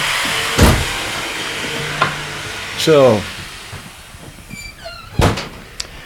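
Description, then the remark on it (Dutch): Sawing, with a few harsh, scraping strokes spaced apart over steady background noise. One stroke briefly squeals, and a single word is spoken faintly. “Dus nou, je hoort dat op het ogenblik wordt er flink gezaagd.”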